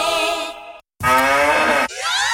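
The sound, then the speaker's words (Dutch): A cow moos loudly in drawn-out, droning calls in a Müllermilk radio advertisement, the moo sound on Müllermilk bottles: one long low moo, a short silence, then another strong moo that turns into a final call sliding upward in pitch. “Al één van de vier Müllermilkflesjes met het moe-geluid is gevonden.”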